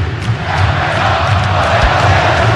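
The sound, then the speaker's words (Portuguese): A large football stadium crowd at an Atlético–Cruzeiro match chants a player's name in unison, a loud, dense roar of many voices with a rhythmic, repeated cadence, heard from within the stands. “já que a torcida gritando o nome do Everson agora”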